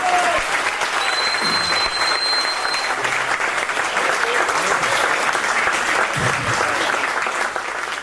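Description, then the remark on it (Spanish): Sustained audience applause fills the whole stretch, a dense, steady clatter of many hands clapping at an even loudness, with a faint crowd murmur beneath and a brief thin whistle-like tone early on. “un fútbol loco, aguante, vamos, aplauso.”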